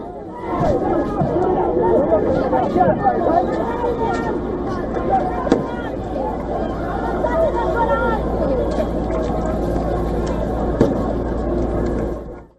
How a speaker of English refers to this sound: Broke out between demonstrators and riot police. Police sprayed water cannons towards protesters and fired tear gas shells as they moved to disperse the crowd.